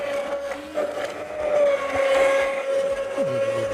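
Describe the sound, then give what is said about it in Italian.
A steady motor whine from an immersion blender runs throughout, holding a constant high-pitched tone with a low churning rumble as a chef purees a thick ragù sauce directly in the pot. No one speaks. “Ecco, direttamente in pentola, il nostro chef col frullatore a immersione ha frullato questo bel sughetto, questo ragù”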